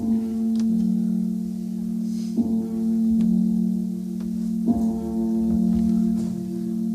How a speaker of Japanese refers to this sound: さて寺町へかかります。この男が危惧いたしましておりました通り、ぼちぼち日が暮れでございましてね、あちこちのお寺でつきます、いわゆるこの入り合いの鐘というのが聞こえてまいりました。